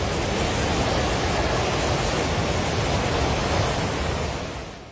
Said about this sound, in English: The Trishuli River has surged in the Himalayan district bordering China. Videos shared by Nepal police and others on social media showed torrents of muddy water crashing through mountain villages.